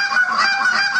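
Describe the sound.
A loud goose honk made with a handheld goose call, a person demonstrating championship goose-calling technique by imitating the bird with a rapid series of nasal, reedy honks in a steady rhythm, no talking.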